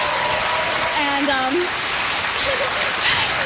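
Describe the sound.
A crowd applauds steadily, a dense wash of clapping that holds at an even, fairly loud level throughout, with a faint voice or two briefly rising through the noise.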